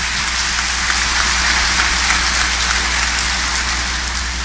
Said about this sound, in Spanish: A él y este aplauso de todos ustedes, porque se lo merece.